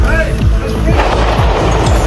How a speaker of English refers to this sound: That sounds of gunfire via CNN. Authorities say 21-year-old Nasir Best pulled out a weapon near a White House security checkpoint at the area of 17th and Pennsylvania on Saturday and opened fire.